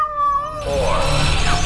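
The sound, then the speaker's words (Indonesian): A single drawn-out meow of a French cat, Felicet, rings out clearly, quickly giving way to a loud, steady rushing roar that fills the rest of the moment. “Pada 18 Oktober 1963, seekor kucing Perancis bernama Felicet menjadi kucing pertama dan satu-satunya yang melakukan perjalanan keluar angkasa.”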